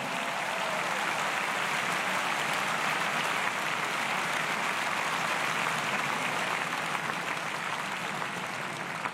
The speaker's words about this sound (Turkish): Nous allons saluer l'arbitre de la rencontre, M. Damien Dumuzois. Damien Dumuzois finali yönetti. Alkışlar şimdi de onun için.